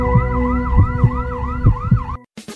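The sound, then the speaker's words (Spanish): An ambulance siren wails loudly in a fast, repeating up-and-down yelp over a low rumbling vehicle, then cuts off abruptly, followed by a brief burst of noise. “Ambulancias SP, un gran equipo a tu servicio, a una llamada de distancia.”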